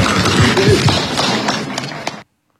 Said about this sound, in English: Quite a muted response there and muted clapping.